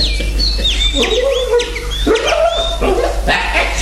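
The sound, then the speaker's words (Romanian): Several caged parrots and canaries on a terrace chirp and squawk in a busy, overlapping chatter: quick high whistled sweeps mixed with harsher, lower calls, with no one speaking and a steady low hum underneath. “Domnul Orgon, bucuros de ideea năstrușnică a Silviei, a trecut pe terasă să se întrețină cu papagale și canarii din colivii.”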